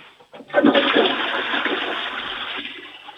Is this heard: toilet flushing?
yes